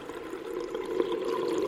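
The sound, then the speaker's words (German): A steady, muffled watery rush with a low, dense murmur, like being submerged, holding an even level throughout with no voices. “Die Kinder erinnerten sich später an nichts mehr, denn sie wachten auf unter Wasser.”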